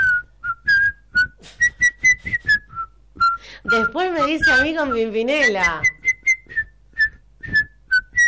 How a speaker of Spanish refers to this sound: Me voy silbando bajito